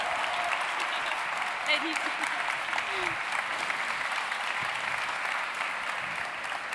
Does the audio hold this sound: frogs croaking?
no